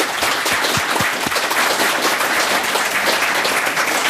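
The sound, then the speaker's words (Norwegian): An audience at a Viking Age festival breaks into sustained applause for the museum staff, a dense, steady wash of many hands clapping at an even loudness for the whole stretch, with a few sharper individual claps near the start. “Alle ansatte I museet, gi dem en stor applaus.”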